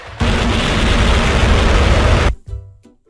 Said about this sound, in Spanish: Nuestro oído escucha este choque tan violento de las partículas de aire como una fuerte explosión. Y eso es lo que conocemos como trueno.